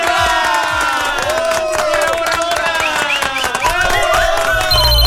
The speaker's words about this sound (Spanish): Ay, Dios, ¿cuándo se terminará esta fiesta?